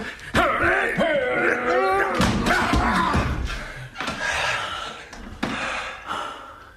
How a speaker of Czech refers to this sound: Zamknul jsem a teď nemůže ven. Co tam dělá? Přátelé, vyrazíme dveře. Ano. Pomozte mi.